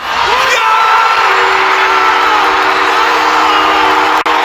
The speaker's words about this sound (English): The sound of 21,000 fans at the Bell Centre watch party reacting to their home team's Game 7 winning goal on Sunday night.